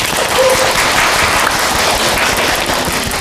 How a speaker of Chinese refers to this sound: 大家掌声欢迎一下。